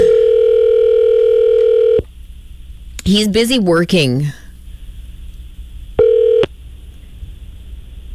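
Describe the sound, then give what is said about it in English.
A steady electronic phone tone sounds for about two seconds while calling a local phone number, then a brief voice speaks over a quiet line before a short burst of the same tone returns. “Answer your phone.”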